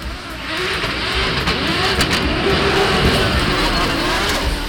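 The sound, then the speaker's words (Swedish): A car engine, originally from a 1990s BMW, stroked to 2.8 liters and fitted with a large turbo, revs loudly, its droning pitch climbing and holding for several seconds over a rough, rumbling roar, with no clear voices. “Motorn är ursprungligen från en 90-tals BMW, strokat i 2,8 liter.”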